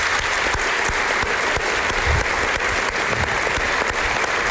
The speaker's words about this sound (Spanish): Llevas muchos años haciéndolo y creo que públicamente nunca te hemos dado las gracias, así que si me acompañan en un aplauso, yo creo que te lo mereces.